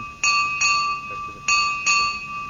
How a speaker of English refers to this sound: We need one bell and we hit it five times. That is it. It was only one bell. Hit five times.